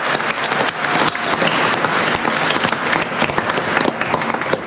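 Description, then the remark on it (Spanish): An audience at Mass breaks into sustained applause for the Virgin Mary, many hands clapping densely and steadily throughout at a fairly loud level with no talking. “Un aplauso a la Virgencita por siempre cuidarnos.”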